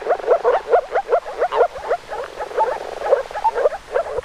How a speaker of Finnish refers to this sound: Viikon luontoääni tällä viikolla on viitasammakko ja sen meille esittelee ….